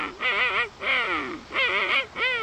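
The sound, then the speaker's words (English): A king penguin calls in four loud bursts of nasal, trumpeting warbles, each rising and falling in pitch, with short pauses between them and no talking. “And next, the King Penguin.”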